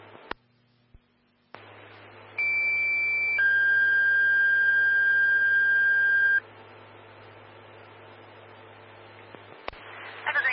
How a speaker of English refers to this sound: Stand by four tones on an alarm. This will be call 3, 1531.